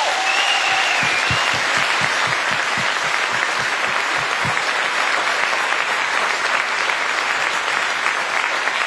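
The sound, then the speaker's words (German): A large crowd at a festival applauds steadily for several seconds for the festival's kitchen and toilet-cleaning workers, a dense, sustained wash of clapping, with a few louder individual claps standing out near the start. “Sollen wir mal kurz einen Applaus für die Leute geben?”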